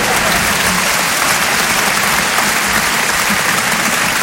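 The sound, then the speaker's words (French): A crowd applauds steadily for Jérôme Salomon throughout, a dense, even wash of many hands clapping at a consistently loud level with no break or swell. “C'est pas facile de lancer des applaudissements avec vous, les gars.”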